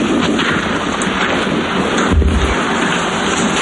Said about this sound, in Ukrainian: Поряд грюхкає, бахкає. Але вона каже, вже звикла до вибухів.